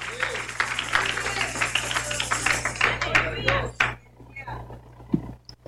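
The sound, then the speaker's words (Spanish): A crowd applauds steadily in praise of the Lord, dense clapping that carries for several seconds before thinning out and fading, with a few voices faintly underneath. “Y él decía, aplauso de alabanza al Señor.”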